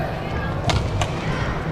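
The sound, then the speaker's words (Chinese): Two sharp badminton racket smashes crack out in quick succession, hard continuous downward smashes in a women's doubles match, under a steady hum of arena noise with a voice talking faintly in the background. “都很重，每一拍球打。反击。 也是连续的发力下压。”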